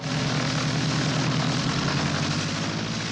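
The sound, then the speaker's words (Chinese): A small propeller plane's engine is started and drones loudly and steadily as the plane takes off over police cars trying to stop it, a low rumbling hum with a rapid throb running through it, with no voices. “开动了发动机，终于从要阻拦他的警车上面腾空飞起。”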